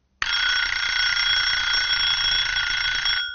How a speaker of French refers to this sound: 7h, le réveil sonne, mais ça fait déjà un bon moment que j'ai les yeux ouverts.